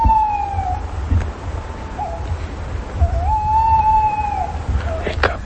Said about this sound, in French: La chouette hulotte.